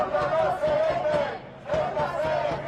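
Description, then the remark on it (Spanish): A large crowd at a Spanish civil-society protest march against Pedro Sánchez chants a slogan in unison, loud massed voices rising and falling in a repeated rhythmic phrase, with a brief dip midway before the chant surges again. The march drew about 20,000 people by government count, 180,000 by organizers. “Ha sido el grito más repetido en la marcha.”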